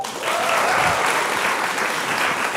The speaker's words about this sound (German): Auch nochmal kurz Applaus.